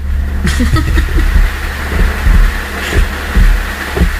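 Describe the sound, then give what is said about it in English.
A deep, continuous rumble of rolling thunder during light to moderate rain, with a sharper crack near the start and heavy low booms swelling and fading every half second or so. No one speaks. “It's like that thunder's gonna roll right into the house.”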